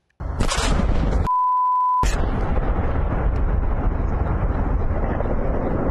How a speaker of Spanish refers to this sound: Y una enorme explosión sacudió un complejo industrial en Essex, Inglaterra. Vamos a verlo también.